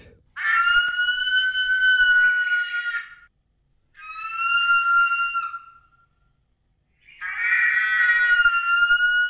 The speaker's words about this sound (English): 350,000 years ago, New Zealand looked and sounded different from how it looks and sounds today. For a start, you would have heard the cry of the biggest eagle there ever was, reimagined by Te Papa and RNZ.